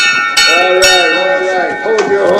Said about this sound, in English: He rings a nearby bell.